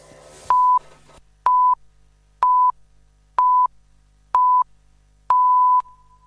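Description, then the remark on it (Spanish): A radio hourly time signal marking 11 o'clock before the news: five short, clean beeps spaced about a second apart, then a longer final tone, loud and steady, right after a voice briefly cuts off. “Sonó el top.”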